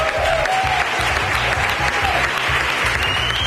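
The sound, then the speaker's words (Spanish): Sustained applause from a large audience in Almagro, Spain, an ovation for comedian and clown Pepe Villuela as winner of the Corral de Comedias award. Dense, steady clapping at a loud, even level throughout, with a faint murmur of voices mixed in and no pauses. “No era una sorpresa, pero le ha costado digerir la ovación.”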